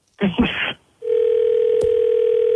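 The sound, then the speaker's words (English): A phone line ringing out as a call is placed back to someone: a brief burst of voice, then a steady, fairly loud electronic tone that holds unbroken for over a second and a half. “So we're going to call her back now, and you're going to talk to her.”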